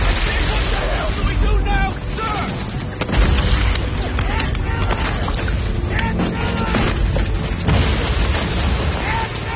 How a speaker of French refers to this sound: on pouvait voir un canon faire feu, ou peut-être entendre un grondement au loin, parce que ces canons de la marine bombardaient